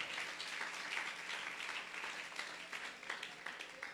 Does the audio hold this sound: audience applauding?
yes